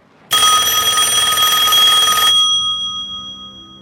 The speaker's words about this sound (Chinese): 电话铃响了，圆圆从地上站起来，走进过道。按照维多利亚时代的传统，电话过去就放在那儿，如今依然在那儿。